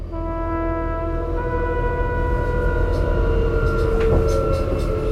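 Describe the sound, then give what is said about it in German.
An S-Bahn commuter train rides along, a steady low rumble with a sustained electric motor whine droning over it, continuous and fairly loud throughout, with faint clicks and rattles near the end. “wird in einer S-Bahn von zwei Sicherheitsleuten aufgegriffen.”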